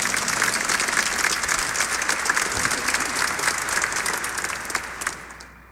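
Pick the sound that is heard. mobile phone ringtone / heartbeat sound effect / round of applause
round of applause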